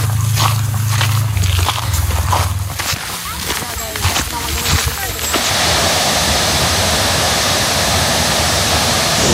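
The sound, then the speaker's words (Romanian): Muffled voices and scattered clatter give way after a few seconds to the loud, steady roar of a waterfall rushing through the 7 Scări canyon at Brașov, continuous to the end. “Aici avem una dintre cele 9 scări din canion care trece prin 7 cascade.”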